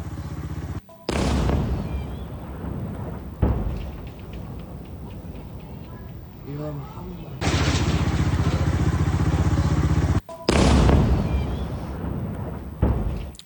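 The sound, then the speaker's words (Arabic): Several loud explosions from an Israeli airstrike on the Ali al-Taher area in southern Lebanon, each a sudden heavy blast followed by a sustained roaring rumble, with abrupt cuts between them and no talking. “كما أفادت مصادر محلية بشن الاحتلال الإسرائيلي غارة استهدفت منطقة علي الطاهر جنوبي لبنان، وتظهر هذه المقاطع المصورة حدوث انفجار جراء الغارة الإسرائيلية في المنطقة المستهدفة.”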